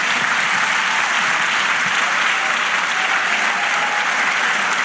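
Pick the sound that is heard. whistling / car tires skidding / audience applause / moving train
audience applause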